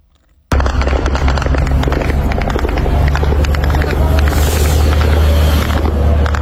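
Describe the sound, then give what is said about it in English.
A loud, dense barrage of explosive bursts and crackling pops over a constant low rumble, with droning engine noise overhead, as Ukrainian attack drones hit targets in Russia overnight, including warehouses of the online retailer Wildberries; starts abruptly after a brief silence and continues without pause. “The sound of Ukrainian drones as they hit targets in Russia.”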